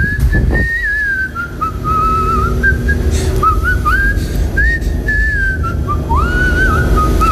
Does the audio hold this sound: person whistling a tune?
yes